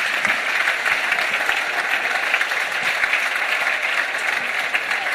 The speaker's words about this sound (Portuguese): Moi ben. Un aplauso para eles.